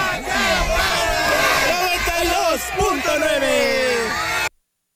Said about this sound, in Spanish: Eso es todo y nos despedimos de aquí de Xochimilco con el grito de guerra y se dice, aquí suena.